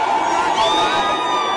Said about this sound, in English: Enough jeering and they're ignorant.